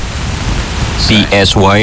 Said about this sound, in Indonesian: Ini kok ada suara hujan sih, kencang banget ya, Mbak? Emang di luar hujan ya? Itu dia dari tadi.